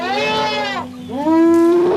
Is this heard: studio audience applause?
no